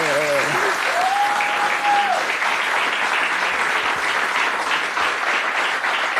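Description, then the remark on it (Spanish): Loud, sustained applause from an audience for a tenor from Campeche who reached the final of Tengo Talento, Mucho Talento, filling the whole clip, steady and dense, with a brief whistle-like tone rising above it near the start. “digno papel, excelente representante campechano y la verdad que merece un gran aplauso nuestro tenor, gobernador.”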